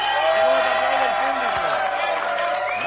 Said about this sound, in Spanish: Sí, señora, mira qué ovación, ¿eh?